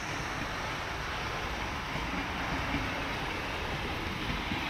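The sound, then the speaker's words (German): A historic steam locomotive rolls slowly along the tracks toward Hännon station on the grounds of the Swedish Railway Museum in Gävle, Sweden, during a celebration of 150 years of Swedish railways; a constant hissing, rushing rumble with faint low clatter beneath it and no voices throughout. “Urahnen der Lokomotivtechnik schieben sich langsam, ja entspannt, über die Gleise.”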